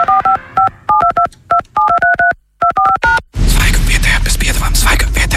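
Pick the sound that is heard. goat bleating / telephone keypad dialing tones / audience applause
telephone keypad dialing tones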